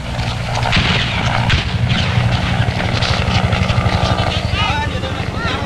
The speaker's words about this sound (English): Saigon, April the 30th, 8 o'clock. The last American helicopter on the roof of the American embassy prepares to lift off the last of the evacuees fleeing before the advancing communist armies.